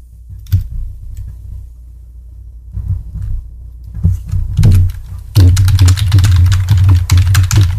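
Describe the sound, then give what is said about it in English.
Rapid, loud typing on a computer keyboard, picked up by a microphone sitting on the same desk, with clustered clacks over a low desk rumble that grows denser and heavier toward the end. “Sorry about my typing being so loud.”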